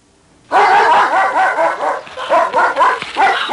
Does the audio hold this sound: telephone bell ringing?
no